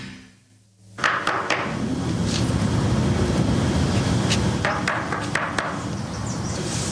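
A quick set of sharp knocks on an apartment door, followed by a few scattered taps, over a steady wash of loud background noise that starts abruptly after a quiet moment.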